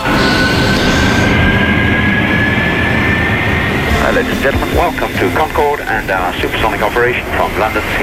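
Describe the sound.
A Concorde supersonic airliner's engines roar steadily and loudly during a real flight, with a thin whine slowly rising in pitch; halfway through, people start talking over the continuing engine noise.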